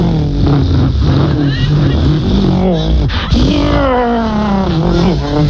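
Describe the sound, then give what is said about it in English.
Loud, continuous engine roar from NASCAR race cars circling a track in a radio broadcast, pitch climbing and dropping repeatedly as they rev and sweep past, with one sharp surge midway through and no pauses. “But I'm just suggesting, on the radio, are you sure car racing on the radio? Is there really a market for listening to 3 hours of”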